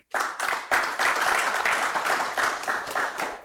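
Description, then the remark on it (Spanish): A crowd applauds steadily, many hands clapping together in a dense, continuous patter that stays fairly loud for a few seconds, a round of applause for a person being introduced. “Por aquí está Lito, un aplauso también para Lito.”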